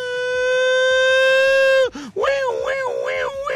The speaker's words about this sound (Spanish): Alarma sísmica.